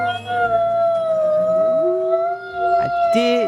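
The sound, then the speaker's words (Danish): Several wolves howl together in long, sustained, overlapping tones, some voices sliding up and down in pitch while one steady howl holds throughout; a higher yelp rises near the end. “Det er faktisk en flok ulve, så det er fuldstændig rigtigt.”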